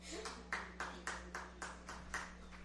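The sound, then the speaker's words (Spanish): A lone person, a colleague from Radio Colomba, claps at a steady, brisk pace, about nine or ten crisp, fairly soft claps over a faint low hum, with no voices. “Le vamos a pedir solo a la compañera de Radio Colomba que nos regale un aplauso.”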